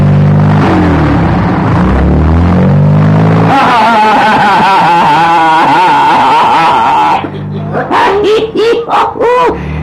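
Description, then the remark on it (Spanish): A car engine revs hard and accelerates, its droning pitch rising and wavering, while voices talk and shout over the noise urging the driver to speed up, before it eases off near the end. “Púyale ese carro, un gañote. Mira si viene alguien a la derecha.”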